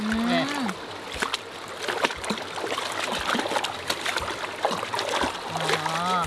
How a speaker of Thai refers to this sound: ที่เราเอาสวิงมานี่เขาไม่ได้ช้อนอะไรหรอกเรามาใช้ล้างไก่นี่แหละ